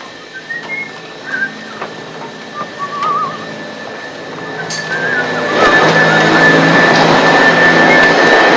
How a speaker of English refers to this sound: Disgruntled, he watches Felix vacuum the living room.